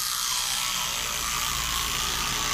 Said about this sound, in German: So, wenn ihr jetzt erkannt habt, dass das eine elektrische Zahnbürste ist, dann ist der Weg frei.